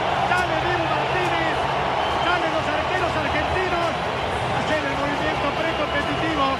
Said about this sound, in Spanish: En un minuto los vas a repasar porque se viene Dibu y va a explotar el estadio. Ahí asoma Dibu Martínez, escuchen la ovación. Ya lo vieron a Dibu, ya lo identificaron.